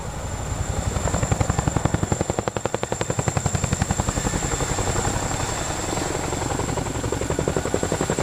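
A large helicopter's rotor thumps in a fast, steady rhythm, loud, with a constant engine whine running over the heavy beating blades throughout.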